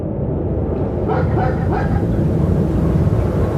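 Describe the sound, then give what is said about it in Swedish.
A dog from Moscow, taken to the Russian space base at Baikonur, barks and yips a few times over a loud, steady low rumble like engine or machinery noise, the barks partly buried in the din. “var hon en alldeles vanlig hund från Moskva som tillfångatagits och transporterats till den ryska rymdbasen i Baikonur.”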